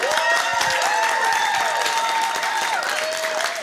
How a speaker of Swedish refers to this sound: en stor applåd.